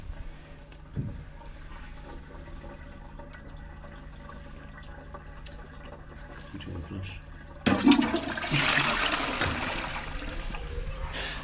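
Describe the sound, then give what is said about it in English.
A toilet flushes with a sudden loud rush of water about two-thirds in, following several seconds of quiet with faint handling sounds, then a steady draining, refilling hiss. An almost empty bottle of red wine is being flushed down it. “you're going to manifest this, I think, by flushing it.”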